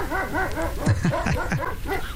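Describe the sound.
A person mimics a dog with a quick run of yelping barks, several short rising and falling bursts, fairly loud, with no talking in between.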